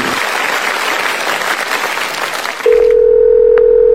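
Loud applause fills the first two and a half seconds, then cuts abruptly to a steady, continuous telephone dial tone before a phone call, holding clear and unbroken to the end.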